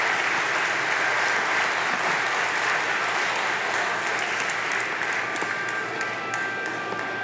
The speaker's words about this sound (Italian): Adesso vorrei aprire invece ai saluti istituzionali, quindi vi chiedo un applauso per la sindaca del Comune di Genova, Silvia Salis, per i saluti della città, grazie.